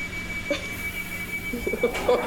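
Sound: passenger train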